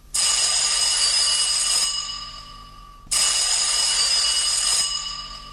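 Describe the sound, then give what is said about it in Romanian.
A telephone rings in two long, loud bursts of about two seconds each, separated by a brief pause, with no one picking up and no voices present. “Sunați la telefon 456. Dacă nu răspunde nimeni, înseamnă că postul mai e vacant.”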